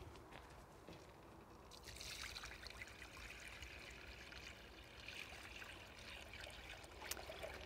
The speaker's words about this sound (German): Dann geben wir Wasser hinzu.